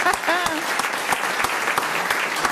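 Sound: audience applause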